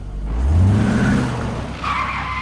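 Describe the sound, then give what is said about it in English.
A car engine revs up loudly as tires screech and skid, followed by a high-pitched squeal of rubber on pavement, sustained over a couple of seconds. “This traffic is terrible.”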